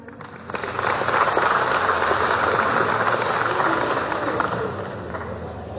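An audience applauds steadily, a dense, sustained wash of many hands clapping that swells quickly after the first half second and holds at an even, fairly loud level throughout.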